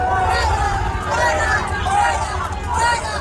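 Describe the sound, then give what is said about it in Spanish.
A large crowd outdoors at the Nunciature in northern Madrid boos and shouts "fuera, fuera" at Spanish prime minister Pedro Sánchez as he arrives by car. It is a dense, continuous roar, with rising and falling voices cutting through the steady din. “reunidos ya Pedro Sánchez y León XIV, el presidente del gobierno, recibido aquí con abucheos de las personas que se han acercado a la Nunciatura para ver salir al Papa.”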